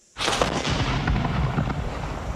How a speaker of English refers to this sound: On the 22nd of November, a single six-pounder gun is hauled up to the colonial forces location and fired into the PA, and they fire about six shots over about 2 hours. The gun has no carriage, so each time it's fired, it topples over into a ditch,